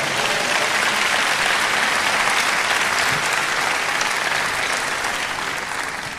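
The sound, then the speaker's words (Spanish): A crowd claps steadily for about six seconds, a dense, sustained wash of applause from many hands that fades slightly toward the end, with no talking over it. “¿Cuánto dan un aplauso a Dios?”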